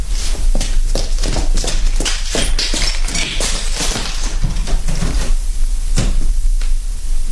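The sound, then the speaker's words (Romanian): A door opening and closing as someone goes out through it, amid a busy series of loud wooden clunks, knocks and rattles, irregularly spaced over a steady low rumble, with no voices. “Să ies pe ușe.”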